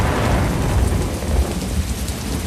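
Steady, heavy rain pours down with a deep, continuous thunder rumble rolling underneath, loud throughout with no voices present.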